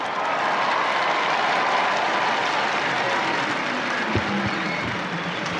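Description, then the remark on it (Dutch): A large crowd applauds steadily, a dense, continuous wash of clapping that holds an even loudness from start to finish, with a few faint voices mixed into the roar. “Je hoort het al aan de reactie van de mensen zelf.”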